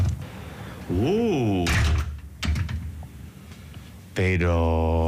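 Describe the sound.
Clicking and rattling of a sticking key working in a lock, followed by the door of the Palacio de los Títeres being opened, with a voice making drawn-out vocal sounds over it.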